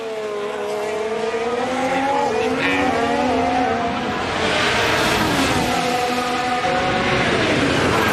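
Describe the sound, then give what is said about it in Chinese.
Racing cars scream through corners, their high engine whines rising and falling as they brake and accelerate; one car's rear wheels slide on exiting the last corner before it charges into turns one and two. The sound is loud and continuous, with several overlapping engines and a hint of tire squeal. “出弯的时候啊，在过了最后一个弯，出弯的时候呢后轮有些摆，强势的杀进来。一号弯，二号弯。”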